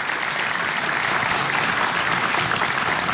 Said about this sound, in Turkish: Alkışlarınızla gönülden de teşekkür ediyoruz.